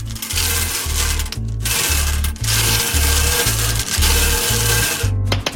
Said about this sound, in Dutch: Ja, die balletjes die zitten in de bingo ballenmolen en daar ga ik nu aan draaien. Alle ballen verzamelen. Bingo. Bingo. Daar gaan we. Ja, lekker husselen zoals ik dat elke zaterdag doe.